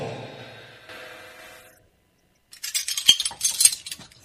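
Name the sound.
dishes and cutlery clinking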